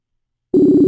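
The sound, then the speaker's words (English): After a moment of silence, a steady electronic ringing tone starts abruptly and holds loud and even, a phone call from Ignite Radio ringing through on the line to a guest in Ongole, India. “It's ringing, and amen.”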